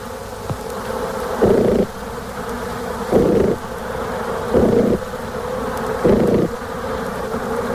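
Four short bursts of honeybee buzzing during the waggle dance, signalling the distance to a food source, repeat at a steady rhythm over a continuous background hum, each pulse louder and lasting under half a second.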